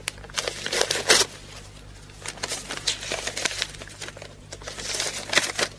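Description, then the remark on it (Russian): Crisp paper crinkling and rustling as a packet from Berlin is torn open and unfolded, a series of irregular crackles and rips with brief pauses, no voices. “пакет из Берлина. Прочитать тут же на месте.”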